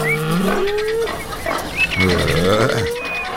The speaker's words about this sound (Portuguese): Do nosso Bom Dia 104, olha a mimosa aí. Porcada com fome no chiqueiro. Galinhada fazendo a festa no terreiro, boi tufão, ditando as regras ali no pastoril.